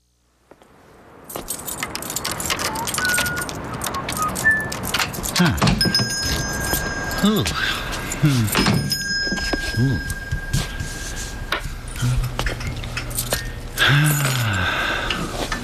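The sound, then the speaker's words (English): A small bell above a shop door jingles as a customer comes in, in bright, metallic bursts, its tinkling rings shaking and fading over several seconds amid clattering and rustling movement, with no one speaking. “You realize, of course, there's a more efficient way to let you know a customer has come in than the employment of that small bell above the door.”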